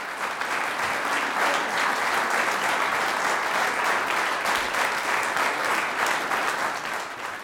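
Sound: concert audience applause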